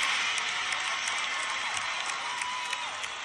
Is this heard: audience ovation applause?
yes